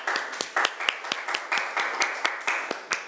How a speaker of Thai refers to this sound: ยกมือเลยยกมือแล้วจากกลุ่มที่4นะคะปรบมือดังๆให้ตัวแทนจากกลุ่มที่4หน่อยค่ะ